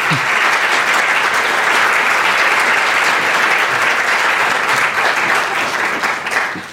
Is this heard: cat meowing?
no